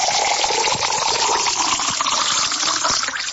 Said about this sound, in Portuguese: E vai aquela aguinha da boa, ainda pura. Essa aqui é da fonte do parque, hein? Essa aqui é da coisa boa, água pura.